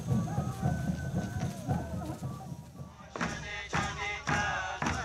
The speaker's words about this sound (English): And I can hear the drums banging.